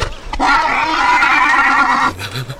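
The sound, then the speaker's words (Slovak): A horse lets out a loud, drawn-out whinny lasting nearly two seconds, clear, with a quieter rustle and low snort at the end. “Akurát, že ten kôň má akési slabé kosti.”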